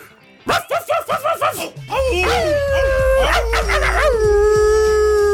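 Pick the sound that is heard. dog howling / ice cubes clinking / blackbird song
dog howling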